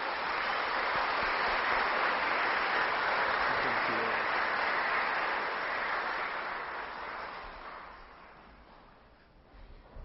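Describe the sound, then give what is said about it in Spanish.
An audience at a church Mass applauds in a dense, sustained burst of clapping that holds steady for several seconds, then gradually thins and fades toward the end. “Vamos a darle un fuertísimo aplauso.”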